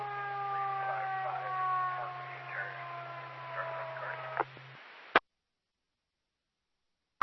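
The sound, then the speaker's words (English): A muffled, crackly dispatch radio transmission from an emergency unit en route to a medical call in Vallejo, with its siren droning underneath a faint, barely intelligible voice and a steady low hum, cutting off abruptly with a click into silence. “You're covered by your siren and your extremely low volume.”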